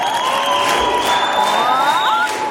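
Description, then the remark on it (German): A loud crowd at an MDR Jump concert in Wolmirstedt cheers and sings together in a sustained chorus of voices, with a steady wall of shouting and a few rising whoops over constant noise. “Der schönste und lauteste Chor, den Wolmirstedt jemals gehört hat.”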